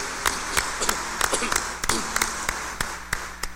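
Hands clap in a steady, fairly quick rhythm, each sharp clap distinct over a soft wash of room noise, as a group applauds together to congratulate people celebrating their birthdays.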